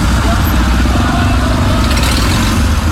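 A dense, steady rumble of many motorcycle engines idling and revving together in a night-time Arema supporters' convoy at the Balai Kota (city hall), loud, with a busy crowd-like noise layered over the continuous low drone.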